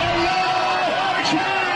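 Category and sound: crowd, crowd celebrating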